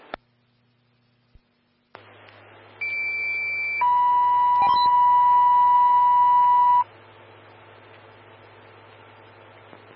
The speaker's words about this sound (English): Stand by for tones on a structure fire.